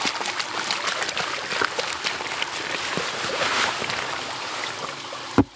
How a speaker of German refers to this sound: Der tatsächlich spannende Moment ist, wenn man dann einen Kübel ins Wasser kippt und wie gesagt das Unsichtbare sichtbar wird.